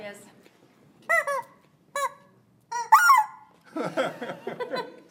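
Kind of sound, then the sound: bird, chickens clucking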